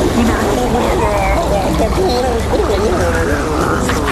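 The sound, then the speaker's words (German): Loud, steady rush of a load of fresh water pouring and splashing for several seconds, as if rinsing, with a muffled babble of voices blended into the gushing. “Aber dafür kommt jetzt noch eine Ladung frisches Wasser für dich.”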